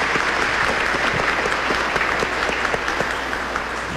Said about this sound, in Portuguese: Uma salva de palmas para eles.